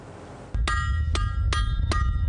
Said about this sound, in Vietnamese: Giữa tiếng lửa cháy và những nhịp búa vang lên đều đặn, các thợ rèn đang quay ngược thời gian hàng nghìn năm. Các sinh viên và giảng viên trường quốc gia về nghề rèn của Anh đã tới pháo đài vòng Viking Azeborg của Đan Mạch để tham gia dự án.